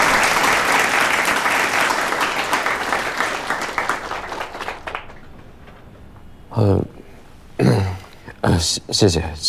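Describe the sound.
A group of people claps steadily to welcome a colleague invited to share sales experience, a dense crackling applause that gradually thins out and fades after about five seconds, followed by a few short bursts of someone speaking.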